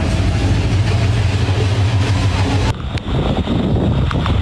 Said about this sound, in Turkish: Himalayalarda 30 kilometreye ulaşan kuyruklar var. Trafiğin, park etmek zorunda kalan araçların ucu bucağı görünmüyor.